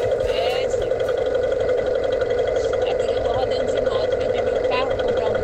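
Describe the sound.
A motorcycle engine runs loud and steady throughout, a constant close-up drone with a muffled voice barely audible beneath the noise.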